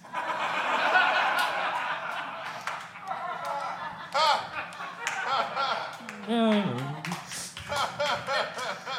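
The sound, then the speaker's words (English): A stand-up comedy audience, recorded for a comedy album, claps in a dense, steady burst that thins out after a few seconds, giving way to scattered crowd laughter and chuckles with a few lingering claps. “I just need some more applause on this album.”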